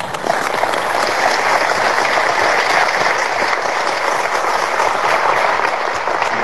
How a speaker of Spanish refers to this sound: Agradecemos al personal de la casa que nos ofreció este espacio tan hermoso, tan cuidado, para quienes, trabajadores y trabajadoras, piden un aplauso.